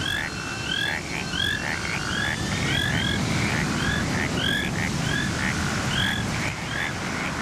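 A chorus of frogs croaks steadily, with repeated chirping calls overlapping one another against a dense, rumbling background of ambient noise, continuing throughout with no talking.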